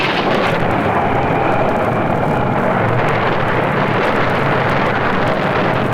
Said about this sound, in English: What's that, Mr. Rowland? That last lightning bolt hit us from the mizzen to the stern, Captain Stokes.